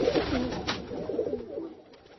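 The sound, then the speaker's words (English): Pigeons coo in low, throaty, warbling rolls, several soft murmuring phrases overlapping before tapering off, with a light hiss underneath and no one talking. “I went through 17 women for my pigeon.”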